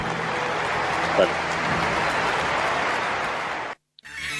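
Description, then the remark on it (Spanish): A large audience claps at Boca idol Sebastián Battaglia's retirement farewell, a dense, steady roar of applause lasting several seconds before it cuts off abruptly near the end. “Se lo quiero agradecer y quiero que le den también un fuerte aplauso a todos.”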